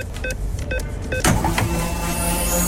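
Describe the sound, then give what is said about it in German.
A jingle-like sound effect on Radio Regenbogen plays: three quick tonal blips, then a bright whoosh followed by a sustained, shimmering electronic tone, marking the station's free fuel card being loaded up in the middle of the programme. “Achtet gerne drauf, sobald wir die Karte mitten im Programm aufladen.”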